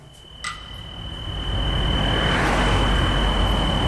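Outdoors in Sineu, a car approaches and its engine and road rumble swell to a loud, steady roar, while a thin high insect trill sounds at first. A brief knock comes early on.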